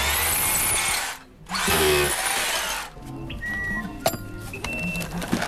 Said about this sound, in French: Non, mais faut tourner, t'as un tournevis, tu vois, toi.